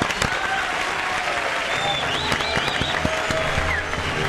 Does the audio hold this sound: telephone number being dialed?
no